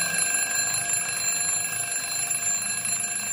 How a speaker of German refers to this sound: Immer wenn mein Wecker klingelt, mache ich den aus und schlafe weiter.